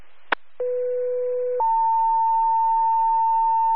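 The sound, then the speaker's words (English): Radio dispatch acknowledgment tones for a 911 call in Meredith needing an ALS assist for a 65-year-old male with difficulty breathing: after a brief click, a steady lower beep holds for about a second, then steps up to a higher tone that sustains clearly until the end, with no talking. “You can show us acknowledging tones.”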